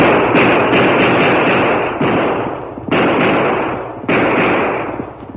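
Twelve loud gunshots, fired into the air at night from two guns by the Lone Ranger near an army camp by the border, ring out in a slow, uneven series, each sharp blast trailing into a long rumbling roar that fills the gaps before the next shot. No voices are heard.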